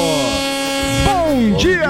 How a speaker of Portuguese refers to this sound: Alô, representantes comerciais, buzinaço pra vocês também. Vamos que vamos!